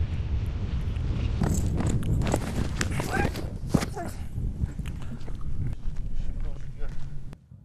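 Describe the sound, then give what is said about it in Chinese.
A horse named Xiaohei, during cavalry company training, stamps its hooves with irregular heavy thuds and scuffs over steady outdoor noise and faint, indistinct voices in the background, ending abruptly. “小黑在训练过程中频繁摆头跺脚，这使他感到疲惫烦躁的信号。”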